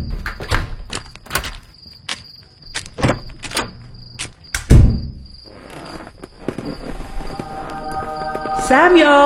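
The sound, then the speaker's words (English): A series of sharp clicks and rattles, then a heavy thud as a door is shut and locked, with a steady chirping of crickets behind it and a faint voice toward the end. “And I'm going to lock my door this time.”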